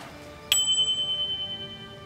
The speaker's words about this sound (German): Herr Wachtmeister, unsere Klingel geht auch wieder.